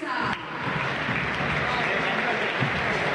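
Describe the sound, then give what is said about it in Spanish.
A football crowd applauds steadily and loudly for about three seconds as River Plate's team list is read and player Galván, number 25, a River Camp youth-academy player, is announced. A dense wash of clapping with indistinct voices mixed into the noise. “Aplausos para otro pibe de River Camp.”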